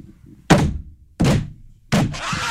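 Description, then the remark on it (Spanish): Three heavy knocks on a gate, evenly spaced about two-thirds of a second apart, each a loud, resonant thud with a short ringing decay, with no voices in between. “Y entonces que le tocó no al portón, cabrón. Tres veces.”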